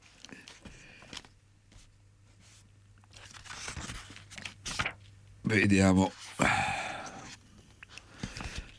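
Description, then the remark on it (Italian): Papery rustling and crinkling as pages of a family medical handbook are flipped, in a few quick bursts, with a man speaking briefly and a louder vocal sound partway through. “l'ho persa la pagina, scusate”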